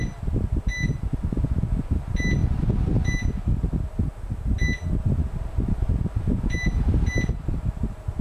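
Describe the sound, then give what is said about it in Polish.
A steady whooshing fan runs throughout while short electronic beeps sound every second or two as its mode button is pressed to step the fan through its speed settings: faster, even faster and slower. “To jest najszybszy, najwolniejszy, a potem średni.”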